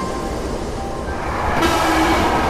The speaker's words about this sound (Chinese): 来来来，火车进站喽